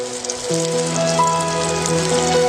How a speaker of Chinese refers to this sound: 泡响，由鸡蛋和面粉和成，稠稀适中，沉入滚油中，饱受高温煎炸。面团膨胀成球，浮于油面，炸至金黄是成熟的标志。